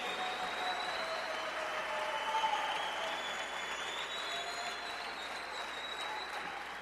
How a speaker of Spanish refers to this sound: Gracias, gracias, el aplauso al Rey.